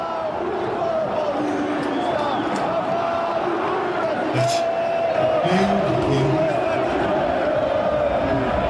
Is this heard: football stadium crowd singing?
yes